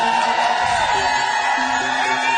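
A studio audience applauds and cheers loudly and continuously, with dense clapping and scattered whoops filling the room for a couple of seconds.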